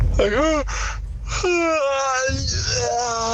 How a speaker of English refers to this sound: What really gets on my goat is when people have an over-exaggeratedly loud yawn.